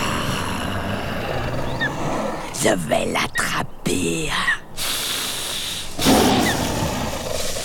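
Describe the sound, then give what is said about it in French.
A deep, rumbling roar of a sabre-toothed tiger, a huge brown-furred predator with oversized teeth, hunting from thickets atop a hill in what is now California over 20,000 years ago, swells over a steady wash of ambient noise, with a man's voice speaking briefly in the middle and a snarl rising near the end. “Et je crois bien que nous allons croiser un immense prédateur, avec des dents démesurées, une carrure imposante, un pelage brun, le tigre à dents de sabre.”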